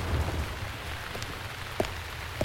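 Steady rain pours down, a dense hiss of drops with a few sharper splats and taps standing out now and then. No voices, just continuous rainfall.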